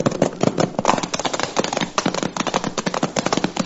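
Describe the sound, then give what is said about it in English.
Rapid, uneven clip-clopping of horse hooves as several riders of a posse ride back into the hills, a busy overlapping patter of hoofbeats with no voices. “Now stop jawing and keep that horse moving.”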